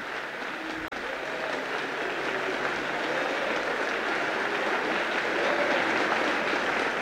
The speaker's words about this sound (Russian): С оглушительным шумом сыпались хлопки.